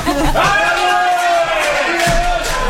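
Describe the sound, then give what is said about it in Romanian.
A loud crowd cheers with long drawn-out shouts over a dense, continuous wash of clapping that carries steadily from start to finish. “Ne aplaudă ca să ne grăbească ieșirea.”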